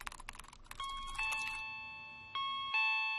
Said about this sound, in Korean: 누구세요? 어? 누가 초인종을 눌렀는데? 내가 잘못 들었나?